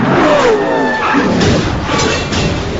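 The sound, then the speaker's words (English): Loud chaos of race cars crashing as one car rams another into the wall: roaring engines and scraping, grinding metal blur into a dense, continuous roar with brief high squeals, all without pause for nearly three seconds. “The 26 car just ran Norton into the wall.”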